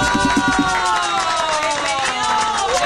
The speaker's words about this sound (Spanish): Bueno, muy bien, 9:35, con un aplauso hoy recibimos al candidato presidencial Santiago Botero Jaramillo.